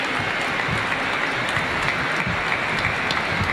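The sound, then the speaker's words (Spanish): An audience applauds to welcome guests, a dense, even wash of many hands clapping at full volume with no pauses, and a few brighter individual claps popping out of the crowd sound. “Le recibimos con un fuerte aplauso y nos van a animar en este momento.”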